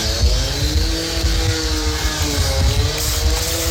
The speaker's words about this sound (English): Well, hang on. Is that a leaf blower or a chainsaw? Whatever it is, it's illegal. It's 8:36.